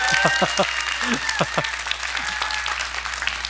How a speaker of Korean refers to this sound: 그렇죠. 이때쯤엔 이제 박수가 나와야 되는데.